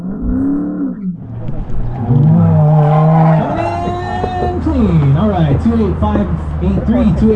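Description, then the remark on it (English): Race cars at the Sports Car Club of America Hawaii region's last solo autocross race of the 2021 season, in the Aloha Stadium parking lot, exhausts growling loudly as engines rev up and down through turns, with tires screeching, continuous throughout. “I first heard the distinctive sounds of the growling exhausts and screeching tires”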